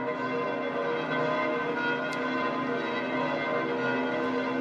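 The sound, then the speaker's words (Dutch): The church bells of St. Peter's Basilica ring in a dense, continuous peal. Their overlapping tones blend into a steady, loud wash of metallic resonance with no voices. “En we horen de klokken van de Sint-Pietersbasiliek.”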